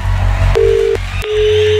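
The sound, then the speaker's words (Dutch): A phone line ringing tone as the Studio Brussel radio station calls a listener's mobile phone: a steady electronic beep sounds briefly, breaks off with a click, then returns and holds, heard over a low background hum with no one talking. “Hopelijk zie jij nu je gsm oplichten. Of hoor je die rinkelen?”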